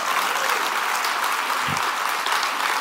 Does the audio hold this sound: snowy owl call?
no